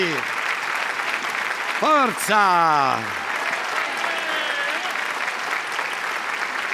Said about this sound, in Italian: Facciamo un grande applauso al cancan della Maestrocchi!